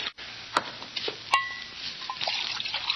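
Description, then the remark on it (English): Wine splashes and trickles steadily into the guests' goblets for a toast at a feast, with a couple of sharp glassy clinks along the way and a continuous liquid hiss throughout, no voices. “Here, fill up the guests' goblets that they may join me.”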